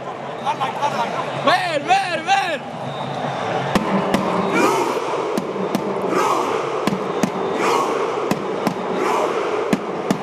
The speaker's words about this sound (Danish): Hele holdet sidder på græsset, så er der en, der får lov til at hamre på trommen, og de norske tilskuere går også fuldstændig mok. Jeg selv Ståle Solbakken er med til at ro.